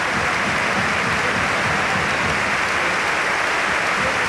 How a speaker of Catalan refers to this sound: Sí, i emocionat Tomas Satoranski, que té els ulls plorosos, aplaudeix al Palau i el Palau li respon així.